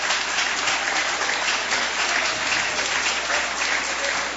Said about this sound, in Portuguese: O glória a Deus e as palmas bem alegres. Aleluia.